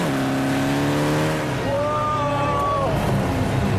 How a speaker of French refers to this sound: Moteur 208 chevaux. 1,9 litre turbo. 400 mètres en 11 secondes 8.